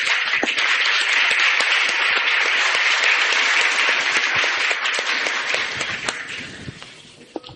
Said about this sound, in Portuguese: Enfim, irmãos e irmãs, sejamos todos bem-vindos, acolhamos-nos mutuamente com uma calorosa salva de palmas.